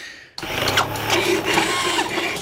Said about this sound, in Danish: Det er en dejlig jingle, du har fået lavet. Det var mig, der havde lavet den her. Det skal jeg da love for.